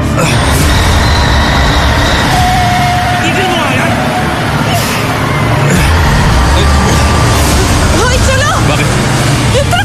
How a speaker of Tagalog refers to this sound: Yung truck natin! Dali!